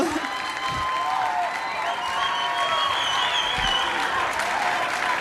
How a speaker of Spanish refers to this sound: Un fuerte aplauso.